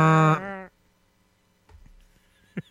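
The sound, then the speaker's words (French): A single loud, low, brassy blast from a ship's foghorn air horn with a rich buzzing tone, lasting under a second before cutting off, followed by faint rustling and a soft thump. “Sa corne de brume... du navire. Oh! Ça, ben, hey! Il a fait comme je te fais quand je t'entends arriver dans la porte de côté.”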